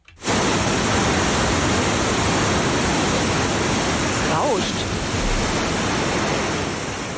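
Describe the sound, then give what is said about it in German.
A steady, loud roar of rushing water from an artificial standing surf wave on the Leine river, used for rapid surfing, fills the whole recording, dense and unbroken, with a brief faint swishing sweep partway through. “Ja, ich gebe mal einen Tipp, ist das Rauschen von der Leinewelle?”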